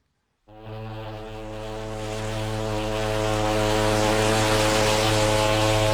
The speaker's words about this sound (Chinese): 香港在望，汽笛声中，客轮渐渐靠近码头。